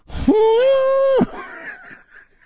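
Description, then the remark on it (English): A voice imitates an elephant's trumpet: one loud, sustained, high-pitched blare lasting about a second, with a brief scoop up at the start, then fading into a softer, breathy trail. “That's supposed to be the sound of an elephant.”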